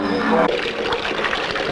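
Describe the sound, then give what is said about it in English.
Water pours and flows in a steady rushing wash for under two seconds, with a brief tonal hum at the start before the splashing stream takes over. “Could we have some more water, please?”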